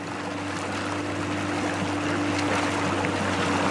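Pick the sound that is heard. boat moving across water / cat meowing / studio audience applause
boat moving across water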